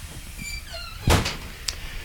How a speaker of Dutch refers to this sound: Kijk, de deur wordt voor ons geopend door Willem. Luisteraars, Willem de Ridder die met een sigaar in de hand doet hij de deur open. En zo kunnen wij dit legendarische pand betreden.